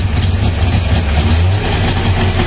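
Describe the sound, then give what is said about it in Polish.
An old Syrena car, produced by FSO from 1972, has its engine started after ignition trouble and then running steadily: a loud, rough low rumble with a slightly uneven pulsing beat and no voices over it. “To oczywiście syrena została, za ten cud techniki został zaprezentowany światu w 1972 czyli roku.”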